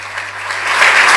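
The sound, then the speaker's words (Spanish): A crowd claps steadily and loudly for an award recipient at the Orden de la Campana award ceremony, a dense wash of many hands that swells slightly toward the end, with no voices breaking through. “El aplauso nuevamente para Néstor Bueri,”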